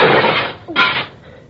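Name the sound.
window glass breaking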